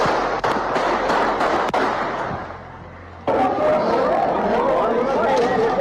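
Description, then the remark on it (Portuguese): Several sharp gunshots crack out in quick, irregular succession at a sports court in a gymnasium during a game, over a loud, agitated crowd of players and fans running from the shots; the commotion briefly dips, then surges back with overlapping shouting voices. “Bastante tiro aqui na quadra.”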